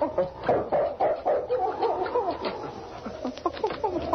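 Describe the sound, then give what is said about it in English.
King, Sergeant Preston's dog, whines in high, wavering cries while his claws scrape and scratch repeatedly against the wooden cabin door, fairly loud, with no talking. “He whined and scratched at the door.”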